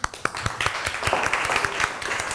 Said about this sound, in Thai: เรามาดูกลุ่มที่จะต้องนำเสนอบอร์ดเกมของฉันก็คือกลุ่มที่1นะครับกลุ่มที่1ออกมาด้านหน้าได้เลยนะครับเดี๋ยวปรบมือให้กำลังใจกลุ่มที่1หน่อยครับ